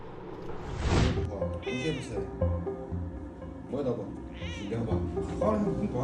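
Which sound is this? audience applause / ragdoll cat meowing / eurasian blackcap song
ragdoll cat meowing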